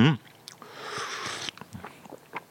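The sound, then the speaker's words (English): An airy slurp of a hot drink sipped from a china cup, lasting about a second, followed by soft mouth sounds and a quiet murmur of appreciation. “What you then do is pick up your china cup with beverage intactus and have a quick slurp.”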